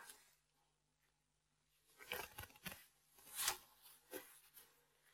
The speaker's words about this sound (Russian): И для того, чтобы у нас не намок шарфик, мы целлофановый пакетик используем.